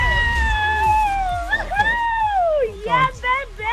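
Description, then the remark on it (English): A baby screams in long, piercing wails whose pitch slides up and down, loud, with muffled voices and low rumbling underneath. “You're going to be screaming louder than that bubba I can hear in the background.”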